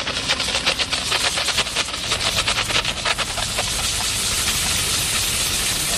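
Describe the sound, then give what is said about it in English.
A steady, loud hiss of a steam cleaner blasting onto chewing gum while injecting a cleaning chemical, with rapid sputtering bursts in the first few seconds before settling into a continuous spray; no talking. “And what we do is turn on the steam button. We place the steam right on the gum and inject the chemical and motion.”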